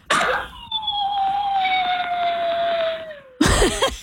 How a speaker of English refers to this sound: Oh, no. Sound of our dog who sometimes hasn't learned how to separate from us when we're at work